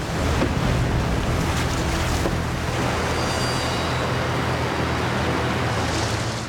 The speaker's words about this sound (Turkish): Solumuzda bir beyaz dalga var. Bu dalgaları geçmek zorundayız dostum. Çok ciddi görünüyor.